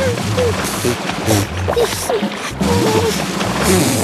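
Continuous wet bubbling and blubbering as someone lying belly-down in shallow water blows air hard out of the mouth into the water, loud, with gurgling pulses and sloshing throughout.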